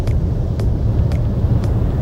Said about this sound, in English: Supposedly, there's different types of white noise, essentially. There's white noise, which, you know, we've all heard white noise.